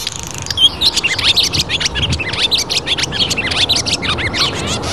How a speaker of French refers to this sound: L'hirondelle qui annonce le printemps, enfin pas toujours, mais l'hirondelle rustique que je propose d'écouter, enregistrée par Tom Stewart.